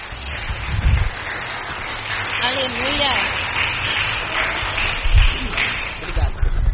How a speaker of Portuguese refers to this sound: Vamos receber a irmã com as palmas bem alegres para Jesus.